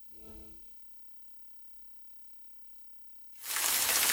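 After a brief low humming tone and a few seconds of near silence, a loud, dense hiss of rain abruptly begins and keeps pouring steadily to the end.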